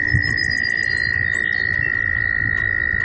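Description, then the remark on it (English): A chorus of male American toads trills steadily and continuously, the males trilling in different frequency ranges, a sustained high buzzing drone that never pauses, with faint lower rustling and a few sharper calls flickering above it. “These trilling American toads are a common springtime sound in the northeastern United States.”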